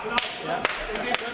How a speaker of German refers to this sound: Muss dann so klatschen?